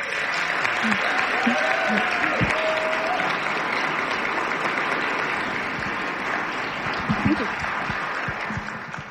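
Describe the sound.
Sustained applause from a large audience, a dense steady wash of clapping across the whole clip, with faint voices and a few brief whistle-like tones mixed in, tapering slightly toward the end.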